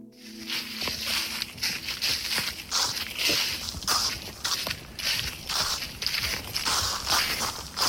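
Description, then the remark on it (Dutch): Footsteps crunch and rustle through a thick layer of dry leaves in an otherwise dead-silent forest in Garderen, a steady walking rhythm of crisp, bright crackles repeating about once a second, with nothing else audible. “loopt door een dik pakket droge bladeren in een verder doodstil bos in Garderen.”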